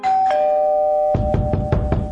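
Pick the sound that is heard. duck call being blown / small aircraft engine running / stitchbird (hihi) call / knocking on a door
knocking on a door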